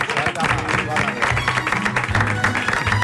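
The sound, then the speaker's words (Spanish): An audience claps steadily for author Leonardo San Pietro for about three seconds, a dense, continuous wash of applause that stays loud throughout, with a low musical tone running underneath. “Un pot aplaudiment.”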